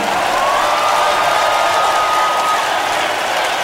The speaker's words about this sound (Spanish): Fuerte el aplauso